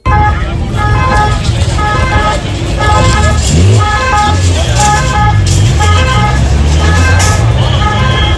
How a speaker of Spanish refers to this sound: El sonido de las ambulancias de Cruz Roja que atendían a estos heridos de los que estamos hablando.